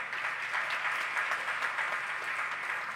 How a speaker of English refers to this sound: Yeah, clap for him, because I'm going to raise an offering, and he got plenty of money.